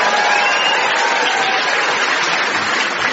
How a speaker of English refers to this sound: which is applause mixed with sceptical muttering. For example, who the hell is this? And I give him 3 months. Applause and muttering, please.